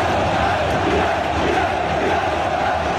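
A large crowd of football fans roars and chants together in a loud, steady wall of voices that holds without a break for the full three seconds.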